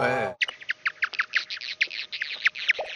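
Bat echolocation calls with moth jamming clicks: a rapid, irregular train of short, sweeping chirps from a bat closing in on a moth, with a hazy crackle of jamming clicks from the moth filling the gaps between them, letting it evade the attack. A brief buzzy tone comes first.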